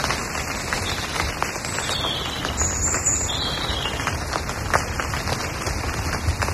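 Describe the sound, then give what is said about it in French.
Steady rain in a forest patters and crackles on a carpet of dried leaves, now wet, a dense, even tapping with occasional sharper drops, while thin high bird calls and chirps sound faintly in the background throughout. “la pluie en forêt, tu vois.”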